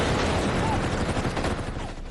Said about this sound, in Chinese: 1936年12月12号，一阵急促的枪声划破了黎明前的寂静，西安事变爆发。